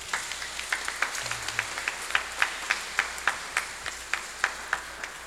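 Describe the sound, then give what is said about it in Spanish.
A small audience applauds with steady, fairly rhythmic claps, moderately loud, with no talking over them. “Un aplauso, por favor.”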